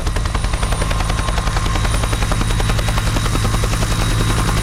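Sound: helicopter rotor noise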